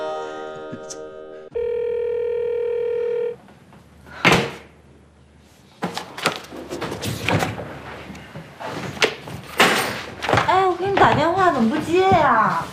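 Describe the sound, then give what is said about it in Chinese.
A telephone rings in steady electronic tones for a few seconds, followed by a door thump and then people talking; the caller is already at the door and has been calling repeatedly. “怎么不接呀？ 都到门口了，一遍一遍打电话催什么催呀？”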